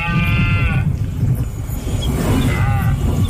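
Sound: red deer stag bellowing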